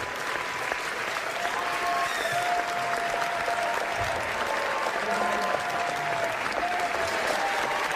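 A prolonged standing ovation from a whole auditorium audience on its feet: dense, steady applause that keeps going at an even, loud level for the whole stretch, with faint cheers or whistles threaded through the clapping.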